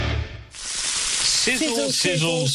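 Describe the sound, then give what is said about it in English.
Sausages sizzle and pop on a hot grill in a steady hiss that swells after a brief quieter moment, with a voice speaking over the frying toward the end. “Sizzle, sizzle, sizzle. Pop, crackle, sizzle, sizzle. Our Fraser Lions are much more than sausage sizzles.”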